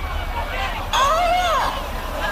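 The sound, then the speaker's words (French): A neighbour's parrot gives a single sliding, arched call, rising then falling in pitch for under a second, heard over a steady background murmur of voices. “Le perroquet de la voisine.”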